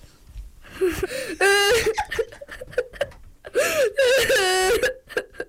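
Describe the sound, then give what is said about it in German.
A primary school child from the Albrecht-Berbinger Grundschule radio club at Free FM imitates crying with their voice, with wavering, sobbing wails rising and falling in two bursts, fairly loud, broken by short breathy pauses. “Mit meiner Stimme kann ich weinen.”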